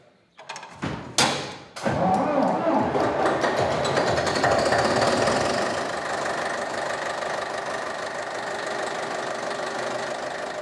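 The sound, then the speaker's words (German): An old historic tractor engine coughs and catches after a few sharp starting knocks, then settles into a steady, loud, chugging idle, its rhythmic beat continuing to the end. “Heute geht es nicht mit dem Trecker aufs Feld, sondern historische Zugmaschinen stehen im Mittelpunkt.”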